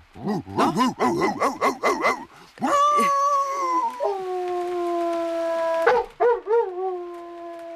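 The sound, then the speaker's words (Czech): A voice imitates a headless dog to haunt someone: a quick run of about eight loud barks, then a long drawn-out howl that wavers and fades, ending with a few short yelping barks. “Já jsem dělával bezhlavýho psa.”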